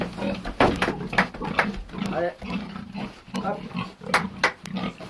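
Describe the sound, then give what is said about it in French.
Pigs on a farm in Pozieux, where cows and hens are also raised, grunt and snort in a steady, overlapping stream of short rough bursts, with occasional higher squealing notes, as if several animals are crowded together in a pen. “élève des vaches, des poules et des porcs.”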